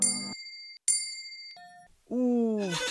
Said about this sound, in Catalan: Heu sentit ning-nang, que és una campana, i ara sentireu ning-ning, que és una campaneta.